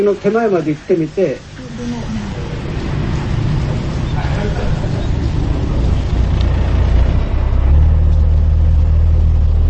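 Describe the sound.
A steady, loud engine drone rumbles, the motor of a 14-metre fishing boat churning along with a constant low hum after a brief bit of speech at the start.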